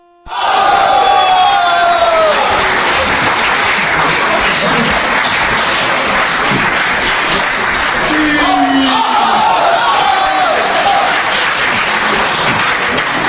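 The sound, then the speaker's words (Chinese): A large crowd bursts into loud, sustained applause with whoops and cheering for a xiangsheng (crosstalk) performance, 'Henan Opera', by Guo Degang and Yu Qian. A dense wall of clapping stays steady for over ten seconds, with a few voices shouting over it. “来听一段郭德纲和于谦合说的相声《河南戏》，咱们掌声有请。”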